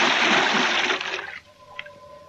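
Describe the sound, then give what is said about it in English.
A scuba diver with face mask and air tank plunges into deep water near Point Dume with a loud rushing splash that lasts about a second, then drops abruptly to a muffled, quiet underwater ambience with a faint steady tone. “Then I tested the free flow of air from my tank and dove.”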